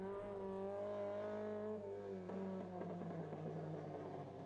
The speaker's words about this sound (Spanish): Se pasó el auto 201 frente a la cámara de Jorge Mayer.